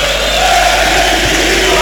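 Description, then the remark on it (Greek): A stadium crowd at a Panathinaikos match in the Greek league chants together to taunt Olympiacos fans, a steady, sustained roar, voices blending into a dense wall of sound with a faint rhythmic swell, loud and continuous throughout. “Το ακούμε πολύ καλά Νίκο, το ακούμε πολύ καλά. Φωνάζουν με τη Λίμπαρ για να πικάρουν ναι.”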